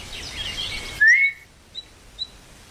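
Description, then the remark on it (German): A single short, sharp whistle rises briefly and then holds, fairly soft, followed by a couple of faint chirps against a quiet background, heard on garden paths in the afternoon. “Als ich am zweiten Nachmittag missmutig die Gartenwege entlang schlenderte und immer wieder mit der Zunge die verheilende Zahnwunde betastete, hörte ich auf einmal einen leisen, aber scharfen Pfiff.”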